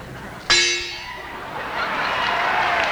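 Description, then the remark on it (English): An imported Edmonton gong is struck once, giving a sudden bright metallic crash that rings out with a shimmering tone and slowly fades, with no voices. “And imported Edmonton gong.”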